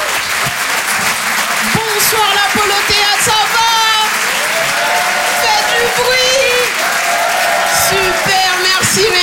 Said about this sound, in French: Waouh, tous les applaudissements, c'est magnifique, vous êtes super beaux.